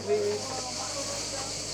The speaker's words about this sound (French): Et les cigales, toujours les cigales.